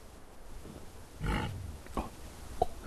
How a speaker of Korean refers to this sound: 가까이 왔는가 본데. 돼지 소리인데 가까이 왔는가 본데요.